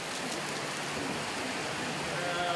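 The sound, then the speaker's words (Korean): Heavy rain from a sudden shower pours down in a dense, steady hiss, drumming on surfaces without letup for the whole stretch, with no talking. “아, 비가 갑자기 너무 많이 옵니다.”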